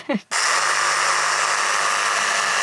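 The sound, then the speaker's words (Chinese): A short vocal sound comes first, then a loud, steady, buzzing saw noise starts abruptly and grinds on continuously, unbroken, to the end. “这里卡住，这里 好锯，锯子啊！”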